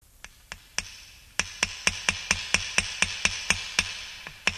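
Steady hammering on nails while building walls, with children holding the pieces: about fifteen sharp metallic strikes, a few spaced taps first, then a fast even run of ringing blows, ending with two softer hits. No one speaks.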